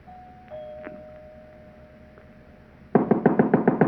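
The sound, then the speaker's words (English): At night, a man walks up the front stairs of a big house and punches the doorbell. A faint, muffled doorbell rings inside the house with a steady sustained tone, then a quick run of about seven loud knocks follows. “I walked up the front stairs, punched the doorbell, and heard it ring inside.”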